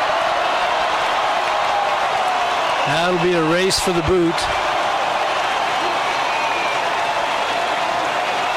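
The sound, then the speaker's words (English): A less than capacity stadium crowd at a football game cheers and applauds in a steady, loud roar as CSU kneels down to finish a victory over the Cowboys, while a man speaks briefly over the noise partway through. “As they'll snap it one more time, and the less than capacity crowd erupts.”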